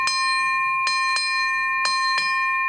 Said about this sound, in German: Dann nehme ich die Glock und schlug einmal an.